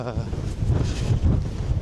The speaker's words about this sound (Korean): 이 바람의 위력을 보여드릴게요. 수건이 세찬 바람에 깃발처럼 펄럭입니다.